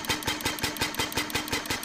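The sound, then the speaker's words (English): A replica of Carl Benz's 1886 Benz Patent Motor Car. Its single-cylinder four-stroke gasoline engine at the back chugs steadily, with rapid, even putt-putt beats, loud and mechanical, and no voices over it. “It's the Benz Patent Motor Car. The automobile was born in 1886.”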